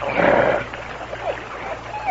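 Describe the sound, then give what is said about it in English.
A dog in a canoe growls loudly at the start, a harsh rumbling snarl that eases into quieter, intermittent growls and short whining sounds. “Him not your teeth now. Good dog.”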